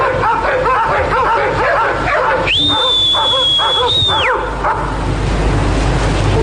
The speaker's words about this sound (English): What you do is you wait till you reckon they're about to stop barking, and you whistle just before it happens.